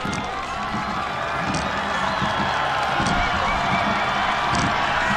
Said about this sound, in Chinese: 接近终点看台了，能听到现场主场的观众震耳欲聋的欢呼声。